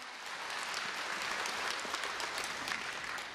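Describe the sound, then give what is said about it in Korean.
Sustained applause from an audience welcoming the Busan branch head of BTN Buddhist TV at a regular concert attended by monks: a dense, steady patter of many hands clapping at an even level throughout, with no one speaking over it. “BTN 불교TV 김수현 부산 지사장님을 큰 박수로 환영해 주시기 바랍니다.”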